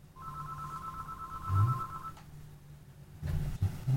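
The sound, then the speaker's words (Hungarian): A single long electronic telephone ringback tone purrs steadily for about two seconds as a phone call connects, then cuts off, leaving low background hum with a few soft thumps and no talking. “Kapcsolt be a telefont”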